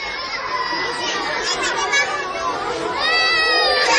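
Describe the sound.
Several children crying and wailing amid continuous crowd chatter, a dense, fairly loud mix of young voices that swells slightly louder near the end.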